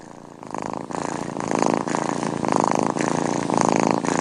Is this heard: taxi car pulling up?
no